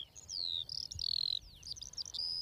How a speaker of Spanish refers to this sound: Sí, cuando escuchamos aquí el concierto de todas las alondras, está claro que este es el hábitat ideal para las aves. Y aquí ya tenemos, si prestas atención, 1, 2, 3 parejas cantando.